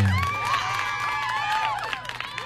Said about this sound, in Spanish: Saludamos a toda esa gente maravillosa que forma parte de la San Miguel de Payatanga, también fue en sintonía desde el AR 931. Póngale un aplauso.